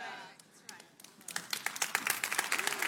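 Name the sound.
hands clapping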